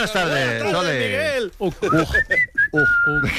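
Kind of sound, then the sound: human body sound, human whistling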